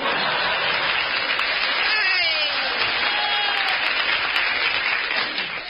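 Steady, dense applause from a large audience fills the whole stretch, loud and sustained, with faint whistles or calls rising through it before it begins to taper at the very end.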